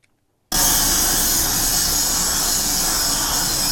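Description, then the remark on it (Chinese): After a brief moment of silence, loud, harsh grinding kicks in abruptly and continues steadily, a dense, hissing mechanical roar from a power tool used by a production-line worker grinding parts on a factory line in Taiwan, with no voices. “伴随刺耳消息声，产线员工专注打磨”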